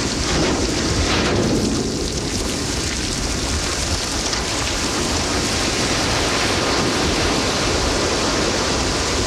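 A ship's hull grinds and crashes through sea ice in Antarctica in a continuous, loud, rumbling roar, dense with low booms and hissing crunches, steady throughout with no voices.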